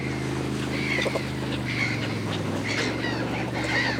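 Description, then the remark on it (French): Several seagulls cry out in repeated squawks as they follow a motorized fishing boat returning to port, over the steady low drone of the boat's engine, the calls overlapping. “Ce sont des mouettes.”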